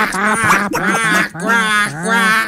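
Loud, nasal duck quacks repeat in a steady series of about four drawn-out calls, human voices imitating ducks rather than real birds, the duck calls made at a footballer when he played for Olympiacos.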